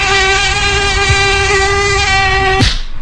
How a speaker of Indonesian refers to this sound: Aduh, nyamuknya ganas banget sih siang-siang gini. Belang-belang lagi warnanya. Nah, itu dia. Nyamuk Aedes aegypti. Kalau cuaca lagi galau gini, botol bekas genangan air hujan tuh jadi tempat VIP buat mereka bertelur.